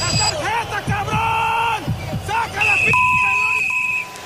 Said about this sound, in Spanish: Silbatazo final. Pelé, el rey Pelé, alza la Copa del Mundo. Brasil es campeón 4-1 de Italia.